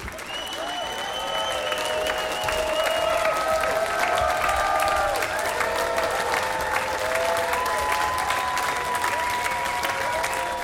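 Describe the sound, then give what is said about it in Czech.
Frenetic applause from a large audience at the Colors of Ostrava festival as a Polish band ends its concert set, dense and loud throughout, with piercing whistles and cheers rising above the steady clapping. No one speaks. “Za zaslouženě frenetického potlesku publika končí koncertní set polské formace”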